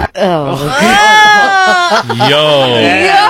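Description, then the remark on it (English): A man imitates a dog barking, producing one long, warbling, high-pitched cry that rises and falls for about three seconds, loud and alone with no talk around it. “Nah, the bark itself is not what I expected.”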